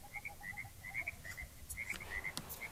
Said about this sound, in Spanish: No. No, solamente los ruidos, las ranas.